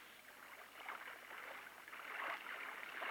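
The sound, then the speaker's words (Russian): Water swishes and laps steadily against a small boat gliding across the calm Pechora River from bank to bank on a white night, a soft continuous wash that swells slightly in waves, with no voices. “Лодка скользит по воде.”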